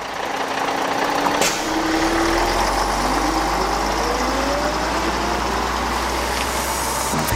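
A bus pulls away from a station, its heavy engine rumbling and whining upward in pitch as it accelerates, steady and loud throughout with no voices.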